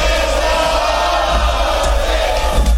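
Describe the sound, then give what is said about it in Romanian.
A crowd roars and shouts in acclaim, a loud, continuous wash of many voices cheering together with no pauses, swelling slightly toward the end. “Ce strigătul acesta?”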